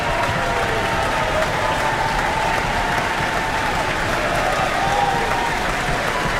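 A large audience in the Auckland Town Hall cheers and stamps amid dense, continuous applause for soprano Erica Grimaldi in the role of Cho-Cho-san, a loud, steady roar of clapping and voices that holds at the same level for the whole stretch with no pause.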